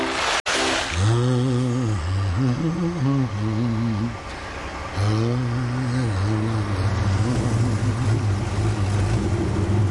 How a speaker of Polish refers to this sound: nakladné auto?